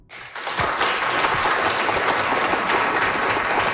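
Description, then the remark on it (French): An audience at a science bar evening at UQAM's Cœur des sciences answers by applause whether they have ever been on a diet. The applause quickly swells into steady, dense clapping, sustained and fairly loud throughout, with no voices standing out over it. “Par applaudissement dans la salle, qui a déjà suivi un régime?”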